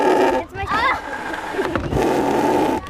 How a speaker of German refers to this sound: Dafür schieben sie eine Art Ziehharmonika auf und zu. Diese eine Maschine, da muss man so drücken und es soll, glaube ich, so eine Lunge und so ein Mund und Lippen sein, aber es klingt ein bisschen wie ein Furz.